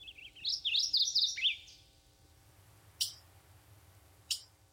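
Chickadee calls ring out clearly with no voices: a quick run of high, bouncing chirps for about a second and a half, then two short, sharp notes spaced apart.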